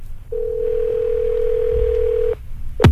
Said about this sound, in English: it's always fun to call somebody on the weekly Top 40 Challenge. It's ringing right now in Pensacola